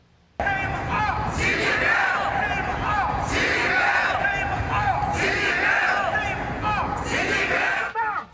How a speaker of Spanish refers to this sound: Manifestantes se concentraron frente a la Casa Blanca con gritos, pancartas y carteles contra Xi Jinping.